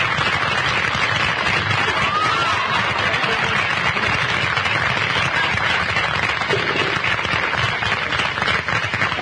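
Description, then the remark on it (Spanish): A television audience applauds loudly and steadily to welcome a guest introduced as the man from Buenos Aires, dense overlapping clapping that stays at an even level for about nine seconds with no voices on top. “Va a ser su entrada ya y recibimos con un gran aplauso al hombre de Buenos Aires.”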